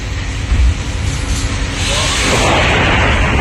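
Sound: thunder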